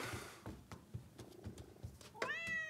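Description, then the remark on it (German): A male cat purrs steadily and rhythmically, then lets out a single clear, rising meow near the end. “Und das ist der Kater.”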